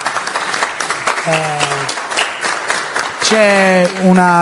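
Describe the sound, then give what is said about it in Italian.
An audience applauds with steady, dense clapping across the whole stretch, while sustained voiced tones, likely voices calling out, rise over it twice, the second time louder. The applause is for the artist who made the ceramic plate given as this edition's award. “e quindi a lui dedichiamo questo premio di questa edizione, che è un piatto in ceramica realizzato dall'artista, a cui invito un applauso.”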